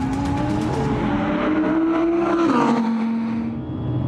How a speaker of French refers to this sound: La ligne droite du circuit de trappe avalée à plus de 225 km/h. Je peux vous dire, je connais bien le circuit. Il n'y a pas beaucoup d'auto avec laquelle je dépasse 210 km/h et là on a fait 225.